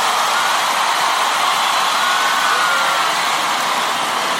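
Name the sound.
loud audience applause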